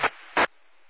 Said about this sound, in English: I'm sorry, the scanner went off, sir.